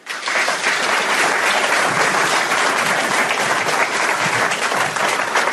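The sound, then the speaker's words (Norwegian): An audience at a conference in Honningsvåg claps warmly and steadily for the meeting moderator, a dense wash of hand claps that holds at a consistent level for several seconds without any voices over it. “Så mine damer og herrer, gi en varm applaus til møteleder Skjalg Fjellheim.”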